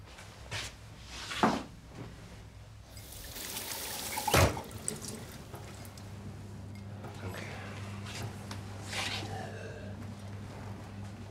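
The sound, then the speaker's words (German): Water pours into a glass with a soft trickle, a sharp clink of glassware and a cupboard-like knock, all over a low steady hum. “Hast du vielleicht ein Glas Wasser für mich?”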